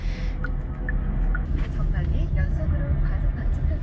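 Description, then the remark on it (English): Steady low engine rumble and road noise fill the cabin of a moving car driving to an interview, a continuous droning hum, with faint muffled voices drifting in underneath. “Right now, I'm in my dad's car and heading towards my first interview.”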